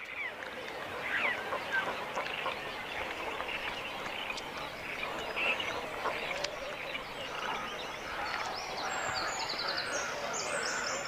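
Cormorant chicks call at the nest in a dense, continuous chorus of raspy squawks and chatters, steady throughout, with no one speaking.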